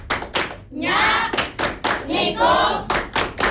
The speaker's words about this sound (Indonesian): Satu lagi nih, tepuk khas dari pangkalan SMP Negeri 19 Bandar Lampung Kak. Ya. Tepuk Lampung.